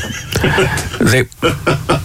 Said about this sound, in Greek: Γελάει το γαϊδούρι. Γελάει από απόγνωση